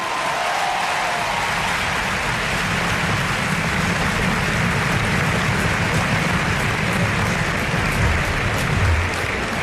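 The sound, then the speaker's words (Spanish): A large crowd applauds steadily, a dense wash of clapping that stays loud and even throughout, with no voices standing out. The crowd is applauding the group La Colla Castellera de Vilafranca de Penedès after they raised a 3 de 8 human tower (castell). “Un aplauso para ellos.”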